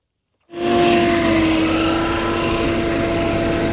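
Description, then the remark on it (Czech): A tree shaker machine harvesting plums in an orchard in Žlutava, Zlín region, shaking the fruit from a tree onto prepared sheets, starts abruptly after a brief silence, then runs as a loud, steady engine roar with a constant low humming drone, no voices. “Tady na Žlutavě sklízí švestky za pomocí takzvané třepačky.”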